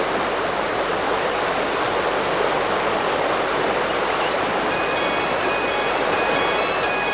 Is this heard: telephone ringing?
no